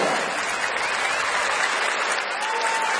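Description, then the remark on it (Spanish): Sustained applause from a large crowd, dense and steady clapping filling the whole stretch at a constant, fairly loud level without any voices standing out; a loud applause for the number one. “Fuerte aplauso para el número uno.”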